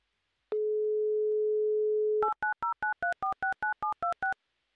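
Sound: telephone dial tone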